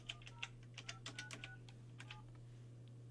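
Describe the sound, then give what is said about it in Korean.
A quick run of phone keypad presses as a call to a landline is dialed during a live broadcast, each a short dialing beep with a soft click, about a dozen in under two seconds, over a steady low hum, with no one talking. “자, 우리 언니에게 동생의 요청으로 지금 전화합니다.”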